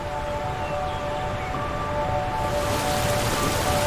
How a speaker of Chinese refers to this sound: 确实有时候我们是随着水声走的时候，你确实觉得心就慢了，特别好奇。比如你在大洋彼岸听到水声，你的感觉和这儿的水声一样吗？